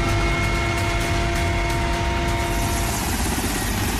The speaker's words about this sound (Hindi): कठिन से कठिन हालात में जिंदगी बचाने वाला भारतीय वायुसेना का MI-17 हेलीकॉप्टर, जिसके जरिए अब की दावा है कि नीट की दोबारा होने वाली परीक्षा में पेपर पहुंचाया जाएगा।